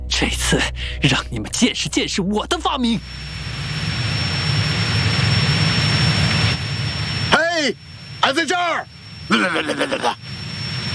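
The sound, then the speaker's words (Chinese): A loud, steady airplane engine roar with a high whine swells after a burst of excited talking, then continues more faintly beneath further shouted voices; the plane, invented by Guangtouqiang, is chasing and attacking moving things it sees. “果陀强，这是你的飞机，快想想办法呀！我能有什么办法？快被追上了！”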